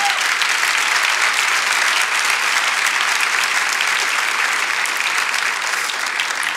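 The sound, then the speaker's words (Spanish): An audience applauding for Jesus, dense clapping at an even, loud level that holds for several seconds with no voices rising above it. “Si lo crees, dale ese aplauso a Jesús.”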